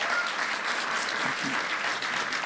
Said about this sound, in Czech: Potlesk neumělej, dejte Matějovi potlesk, on dělá na tyhle show.